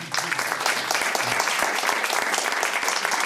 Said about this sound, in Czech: Pozdravíme pana Lukeše a zatleskáme mu.